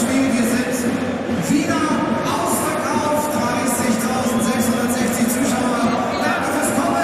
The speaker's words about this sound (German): Zuschauerzahl wird durchgegeben.